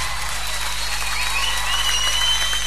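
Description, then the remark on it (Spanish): Loud, sustained audience applause, a dense wash of many hands clapping steadily with some crowd noise mixed in, holding an even level throughout. “¡Los aplausos bien fuertes!”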